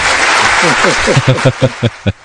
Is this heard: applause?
yes